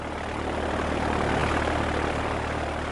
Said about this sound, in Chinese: 远处，运输机的马达发出了震耳欲聋的轰响，立刻向前冲去，片刻便腾空而起，消失在黑黝黝的天海里。